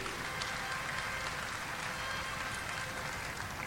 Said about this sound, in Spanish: Saludar a quien es nuestra directora regional del SENAMA, Antaris Varela, a quien también le damos un aplauso muy fuerte de todo Chile.